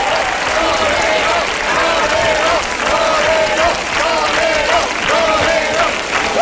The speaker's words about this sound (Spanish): Muchas gracias. Quiero agradecerles a todos sus aplausos y el estar esta noche aquí con ustedes es un gran placer.